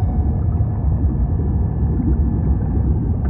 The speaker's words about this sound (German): Mit erloschenen Scheinwerfern durchstieß das U-Boot die Wasseroberfläche.